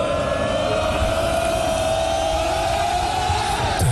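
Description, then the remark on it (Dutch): A loud, dense crowd roars, applauds and cheers continuously at the DSV versus Milsbeek football match, with a steady horn-like drone held throughout and no breaks in the noise. “Groot applaus en feest bij de wedstrijd.”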